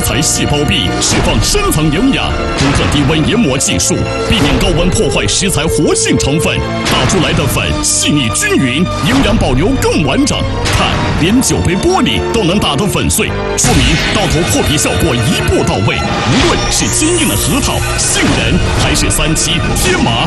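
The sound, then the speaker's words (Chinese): A high-speed electric grinder (Mai Boshi multifunctional grinder with an eight-blade head spinning at up to 28,000 rpm) roars loudly and continuously for about twenty seconds while it crushes a wine glass. The glass shards clatter and crack inside it, making a harsh, dense grinding din with irregular sharp crunches. “看，连酒杯玻璃都能打得粉碎，说明刀头破皮效果一步到位。”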